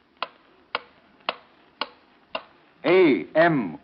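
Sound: clock ticking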